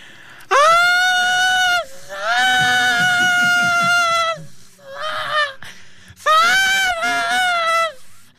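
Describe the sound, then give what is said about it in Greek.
A voice imitates the wailing scream of a dangerous Venezuelan spirit: four loud, drawn-out, high-pitched cries, the third shorter and quieter, wavering slightly, with brief pauses between them and no talking. “Μπορεί να έχουμε ένα τελευταία φορά, γιατί τα παιδιά ρωτάνε, επειδή είπες κυκλοφορία, να μας τελευταία φορά λίγο φωνή λαπούθα. Την κραυγή θέλει.”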